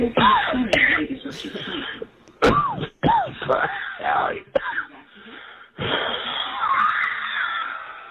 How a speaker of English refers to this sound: He's the only guy that calls and coughs for the first 45 seconds of his message.